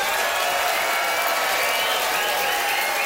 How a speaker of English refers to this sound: That is it, Yellowknife. It's time to vote by applause.